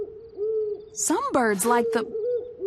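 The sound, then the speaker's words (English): Soft, steady owl hoots repeat in a low, hollow tone, interrupted midway by a brief, louder burst of warbling vocal sound before the hooting continues. “Wait, I think I know who is making that hoo-hoo sound.”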